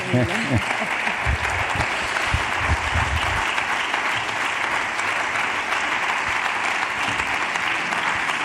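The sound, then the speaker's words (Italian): Sustained applause from a large audience fills the whole stretch, a dense, steady wash of clapping with a few low voice-like sounds near the start. “Magari esci ancora, prendi ancora gli applausi.”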